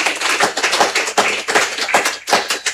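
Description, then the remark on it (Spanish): A small crowd claps steadily for a few seconds, a dense, crisp patter of hands, with no voices over it. “te dan aplauso”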